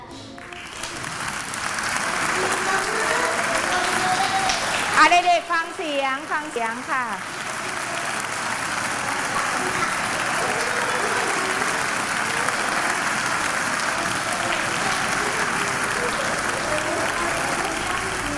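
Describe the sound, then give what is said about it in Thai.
Dense applause from a crowd, many hands clapping in a steady, noisy wash that fills the whole stretch; a woman's voice briefly speaks over it near the middle. “เสียงนี้คือเสียงปรบมือนะคะคุณลักษณะของเสียงเป็นอย่างไรเป็นเสียงสั้นเสียงสั้นเป็นยังไง”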